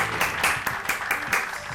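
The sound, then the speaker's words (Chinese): A burst of clapping from viewers as a cooked dish is turned out onto a new plate, a dense, steady, loud patter of hands with a few sharper claps standing out, with no one talking over it. “哎呦，看他来，观众朋友们，举起米掌。”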